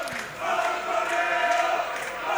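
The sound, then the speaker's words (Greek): A dense, steady roar of PAOK fans in a football stadium, with massed voices blending into sustained chanting tones that swell slightly and stay loud throughout, without any single clear speaker. “Οι φωνές του που ακούτε από τους αφιλάθους του ΠΑΟΚ εδώ.”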